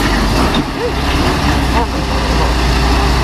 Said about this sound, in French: On se retrouve même à guider tous ensemble ce camion pour qu'il puisse repartir. Le poids lourd, on l'entend, touche même un lampadaire de la commune.